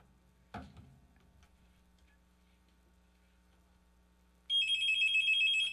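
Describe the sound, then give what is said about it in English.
After a quiet stretch with a low hum and a single thump, a telephone starts ringing loudly for an incoming call to a radio call-in show, a bright warbling electronic trill that continues to the end, with no one speaking. “All right, we got a phone call coming in.”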